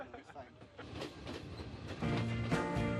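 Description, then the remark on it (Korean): A train in Sri Lanka rumbles along its rails with a steady, rhythmic clatter that grows louder and fuller in the second half, while indistinct voices murmur underneath. “청년들과 대화를 나누는 사이 기차 밖 풍경은 어느새 드넓은 다운으로 변했습니다.”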